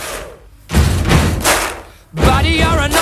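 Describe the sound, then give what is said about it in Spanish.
Heavy stomping on wooden floorboards in a church mixed with hand claps, forming a loud, steady rhythmic pattern of deep thuds serving as the bass drum and sharp slaps, with a voice joining in toward the end. “es golpeando el suelo, unas tablas en una iglesia que había por ahí, golpeando con el suelo, con eso hacen el bombo y tocando las palmas.”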